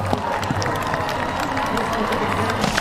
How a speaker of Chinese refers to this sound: 现场观众啊非常热情，也非常喜欢马术运动，时不时的在给选手和参赛马掌声鼓励。